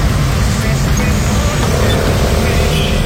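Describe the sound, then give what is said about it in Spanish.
Dense, steady roar of heavy road traffic on la Santander, with a continuous rumble of engines and vehicles, loud, with a faint murmur of voices mixed into the street noise. “Mucho tráfico por la Santander.”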